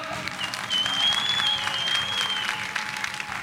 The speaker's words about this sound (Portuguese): Uma grande salva de palmas para Tony!